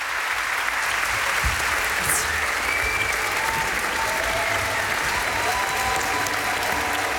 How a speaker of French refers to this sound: Les musiciens qui sont très applaudis ici dans le domaine 2 à Montpellier. On est un petit peu à côté de Montpellier.